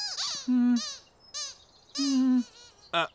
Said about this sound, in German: Das Quietschen vom Quietscheentchen hört sich ganz genauso an wie beim letzten Mal, als du auf es draufgedrückt hast.